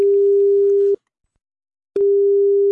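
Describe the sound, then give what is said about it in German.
A steady, single-pitched telephone ringing tone sounds, cuts off for about a second of silence, then starts again, heard through the line as an SR3 Saarlandwelle radio presenter phones a listener. “Und er hat dann angerufen.”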